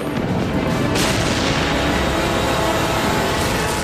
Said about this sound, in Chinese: 当时一片混乱，到处都是闪光，到处都是炮弹爆炸的声音。 那个地方到处都是炮声。